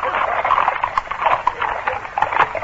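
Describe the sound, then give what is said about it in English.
Hooves of four horses pound rapidly and steadily as their riders spur them into the middle of the road by a post house to stop passing carriages. A dense, driving clatter of galloping stays fairly loud throughout. “A moment later, the carriages were abreast of the post house, and the four men assigned to stop them spurred their horses into the middle of the road.”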